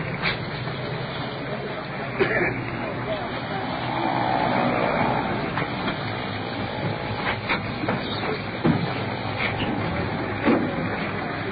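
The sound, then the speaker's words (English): An ambulance's engine rumbles steadily as it rolls in, swelling slightly midway, with a few sharp knocks and clunks scattered over the low, continuous drone. “That sounds like the ambulance right now.”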